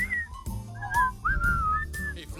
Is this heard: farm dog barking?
no